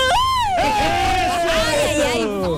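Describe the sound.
A group lets out a loud celebratory shout after a toast at a fonda during the fiestas patrias, one long high voice rising then sliding slowly downward over other whooping and cheering voices, lasting a couple of seconds.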